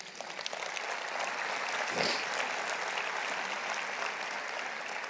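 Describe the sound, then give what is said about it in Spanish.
An audience applauding the Lord during a sermon, a steady dense wash of clapping from many hands that holds evenly for several seconds at moderate volume, with no voices standing out. “Un aplauso al Señor.”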